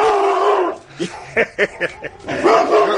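A dog gives a quick run of four or five short, sharp barks, moderately loud, set against a steady background hum that swells before and after the barking.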